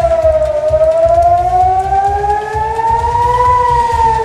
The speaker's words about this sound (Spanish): La sirena sonando en Israel, donde la Guardia Revolucionaria iraní ha lanzado misiles esta madrugada.